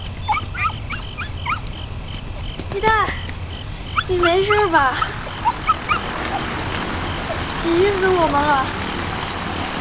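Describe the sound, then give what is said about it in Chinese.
A dog whimpers repeatedly, thin, wavering whines rising and falling in short bursts, some louder and closer than others, over a constant rushing background noise. “救你的狗啊！”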